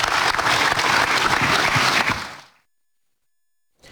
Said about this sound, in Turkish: Kuvvetli bir alkış rica ediyoruz.